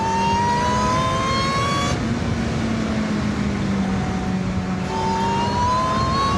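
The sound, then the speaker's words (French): A car engine accelerates hard and loudly from a standing start, its whine climbing steadily in pitch, dropping abruptly at two gear changes, then rising again. No voices. “Il n'y en a pas beaucoup qui partent aussi fort au démarrage.”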